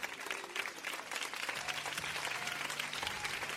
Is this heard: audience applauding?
yes